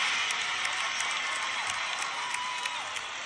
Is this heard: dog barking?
no